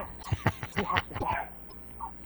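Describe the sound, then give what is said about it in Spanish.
A small female dog yaps and yelps in a quick, scrappy burst of sharp barks as she squabbles on her own, then trails off into a softer whimper, with no one talking. “Está la perrita ahí peleando ahí sola.”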